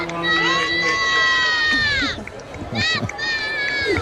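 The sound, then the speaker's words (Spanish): A large crowd chants and cheers loudly as the Pope arrives in the Popemobile, many high voices holding sustained sung notes together in rising and falling waves, with a brief dip before the chanting swells again. “No sé si escucháis los cánticos de escuchamos. La gente. Súper emocionada porque estaban esperando este momento.”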